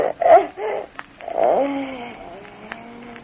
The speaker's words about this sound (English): It's Rana, her cat. She's been hiding in the cupboard there.